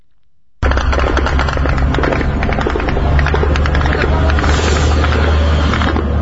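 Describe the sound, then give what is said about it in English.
After a moment of silence, Ukrainian drones strike targets in Russia, Russian warehouses of the online retailer Wildberries: loud, dense crackling blasts and rapid bursts of explosions ride over a heavy, continuous low rumble. “Sound of Ukrainian drones as they hit targets in Russia.”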